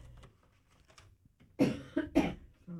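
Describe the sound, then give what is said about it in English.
A quiet stretch of faint background noise, then a few harsh coughs in quick succession from a radio presenter on air during a news report, loud and abrupt against the otherwise hushed background. “Is my cough button on? Your cough button's on, but we can still hear you in the background.”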